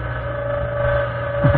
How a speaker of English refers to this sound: Illustration, the interior of a Nazi submarine.